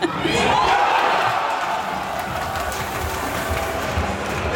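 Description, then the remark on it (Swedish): A crowd at a restaurant in Örnsköldsvik showing the match cheers at the final whistle in a steady, dense roar of many voices, loud and unbroken for the whole stretch, with a faint rumble underneath and no clear individual speech. “Jag var med och hörde ett jubel.”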